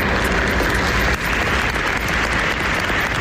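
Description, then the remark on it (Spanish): A crowd in Marbella, Spain, applauds steadily to end a midday minute of silence for a woman killed in San Pedro de Alcántara, a dense, even wash of many hands clapping at once that stays loud throughout with no voices breaking through. “A mediodía ha tenido lugar el minuto de silencio en Marbella que terminaba con este aplauso.”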